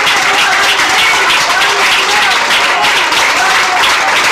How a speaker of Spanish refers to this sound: ¡Fuerte aplauso a nuestro rey, hermanos! ¡Gloria a Dios!